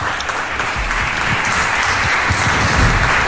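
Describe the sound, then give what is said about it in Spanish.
A crowd applauds steadily to welcome the director general of olive oil producer Castillo de Canena from Jaén, a dense wash of many hands clapping at an even, loud level throughout, with no voices standing out above it. “Un aplauso para él, muchísimas gracias.”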